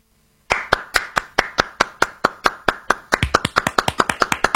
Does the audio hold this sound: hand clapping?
yes